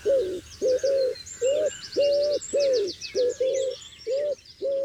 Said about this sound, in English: And I really mean this, because every bird sings at a different frequency so as not to step on the other bird's toe, and they all have a piece to play. So if you think of the wood pigeon as a deep bassy, maybe a cellist.